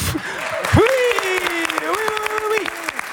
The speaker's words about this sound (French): Et encore des applaudissements pour celui qui vient nous rejoindre en studio.